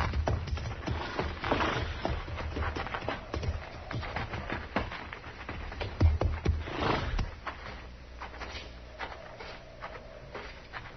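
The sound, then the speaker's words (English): Horses' hooves clop and shuffle irregularly on a hard floor as they are led into barn stalls, fairly loud, with a louder knock midway before the steps fade off. “We'll put our horses in the barn here”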